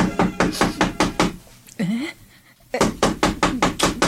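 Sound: knocking on a door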